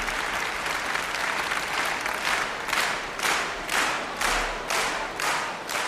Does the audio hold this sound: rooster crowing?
no